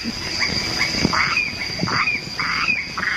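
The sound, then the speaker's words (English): At night on Stirling Island in the Treasury Group, a steady, high-pitched drone of crickets and cicadas hums throughout, while frog croaks and squawks break in every half second or so in an irregular chorus, with no voices. “The crickets, the frogs, the cicadas, and all their brood.”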